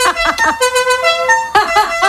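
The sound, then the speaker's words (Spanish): A modified musical car horn blares the tune of La Cucaracha: a few quick bursts, then longer sustained notes, then quick bursts again. It's loud and brassy, with no talking. “En aquella época también había gente que le cambiaba el claxon y ponía el sonido de la cucaracha.”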